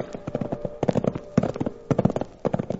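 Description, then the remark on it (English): The hooves of two saddled livery horses being ridden clip-clop steadily in a loping, uneven rhythm, with clusters of sharp knocking hoofbeats coming in bursts and a faint steady hum underneath. No one speaks. “made him saddle up two of his livery horses, and we went for a ride.”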